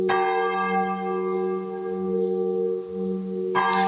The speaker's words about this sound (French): C'est long. Voilà, c'est la volée qui se termine.